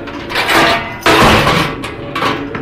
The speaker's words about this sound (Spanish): La hermosísima Greta Garry instintivamente se acerca a Calimán buscando su protección, mientras mira al hombre de la túnica negra que cierra violentamente la puerta.